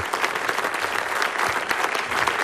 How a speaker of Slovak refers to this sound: Tak už poznáme 20 nominovaných. Veľký potlesk pre nich za to, že sa dostali do nominácií. Bravo!